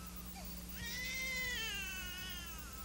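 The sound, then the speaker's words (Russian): A newborn baby boy lets out a single drawn-out, high wavering cry lasting about two seconds, fairly loud over a faint steady hum, with no one talking. “Малыш родился.”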